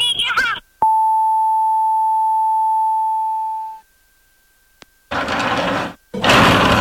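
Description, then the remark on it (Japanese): A steady electronic telephone-line tone sounds clearly for about three seconds during a call to Takashima, a business waste collection firm, then tapers off, bracketed by short bursts of voice and noise before and after. “だろば、じゃあ高島に電話してみようや。”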